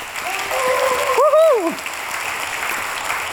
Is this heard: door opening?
no